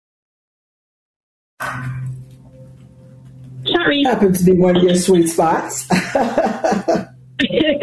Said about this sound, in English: And, hold on, I'm just going to cough.